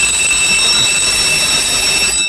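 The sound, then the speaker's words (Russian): Ship's general alarm bells ring continuously for a battle-stations alarm in broad daylight on the open sea, a loud, shrill metallic clatter with a steady high-pitched tone that never lets up from start to finish, with no voices. “Среди белого дня, посреди синего моря, ударили вдруг колокола громкого боя. Тревога! Боевая тревога!”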